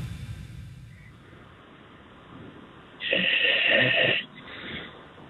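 A caller to the radio show America at Night on WPRO snores over a muffled, tinny phone line: after a few seconds of faint hiss, one loud, rasping snore lasts about a second, followed by a shorter, softer one.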